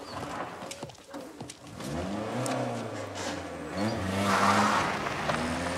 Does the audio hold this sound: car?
yes